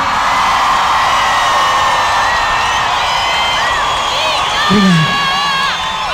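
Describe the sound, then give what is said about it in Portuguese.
A loud, sustained wall of screaming from a large crowd, many high voices shrieking together for several seconds with wavering pitches and a brief lower shout near the end. “Quem gostou só do gritão?”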